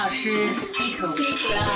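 Glasses clink together in a toast at a shared dinner, a few bright clinks mixed with the clatter of dishes and cutlery, while voices murmur faintly in the background.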